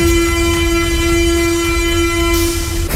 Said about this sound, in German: Ja, U-Bahnhof Schillingstraße, gerade wenig los hier auf dem Bahnsteig. Ich muss sagen, ich fahre ja auch ganz oft nur durch. Ausgestiegen bin ich selten.